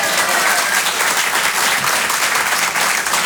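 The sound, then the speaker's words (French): Loud, dense audience applause, many hands clapping at once in a steady crackling wash that holds its level throughout, with no voices standing out. “En général, ceux qui applaudissent, c'est ceux qui ont des gosses.”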